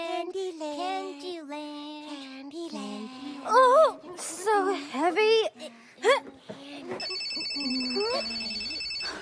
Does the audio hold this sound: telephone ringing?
yes